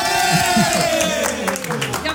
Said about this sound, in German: Ich will jetzt gleich Jubel hören. Gewinner Team Alt gegen Team Jung. Der Gewinner ist Team Alt.